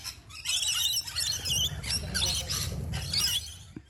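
A rainbow lorikeet gives shrill, raspy screeches and squeals in rapid overlapping bursts for several seconds, loud, over a low rumbling background.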